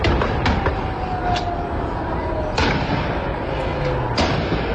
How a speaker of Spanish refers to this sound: ¿Escuchan los tiros?